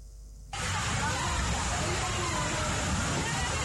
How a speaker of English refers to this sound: This is the moment school children make frantic effort to escape the rains that are making their way into their classroom. It is an amateur video taken by a teacher of school children in Aki Tachi, a small village in the Ahanta West municipality